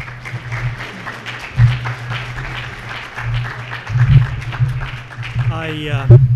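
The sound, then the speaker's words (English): Steady applause from an audience welcoming a speaker before a talk on Joseph Smith and modern cosmology, a dense patter of many hands clapping for several seconds, with a voice briefly starting to speak near the end. “I like this tradition of getting a little applause before you start.”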